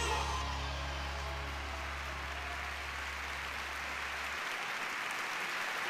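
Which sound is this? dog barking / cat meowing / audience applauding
audience applauding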